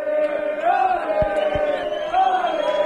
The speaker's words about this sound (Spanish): Este vídeo, estas imágenes y este sonido es el recibimiento de los aficionados al autobús del Rayo cuando llegaban al hotel.